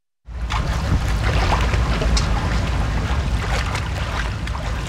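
Steady rushing of a shallow flowing brook with irregular splashes and sloshing, as if someone is wading through the water close by; no voices.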